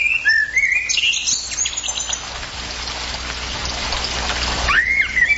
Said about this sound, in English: All right, before we go to news here, let's just have a listen. Remind everyone what that common blackbird song sounds like.